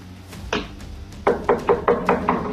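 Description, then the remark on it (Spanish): A criminal posing as a pizza delivery man knocking on a house's front door: one firm knock, a short pause, then a quick run of six evenly spaced knocks, fairly loud with a hollow wooden thud. “Este hombre no es un repartidor de pizza, es un criminal que insiste que le abran la puerta.”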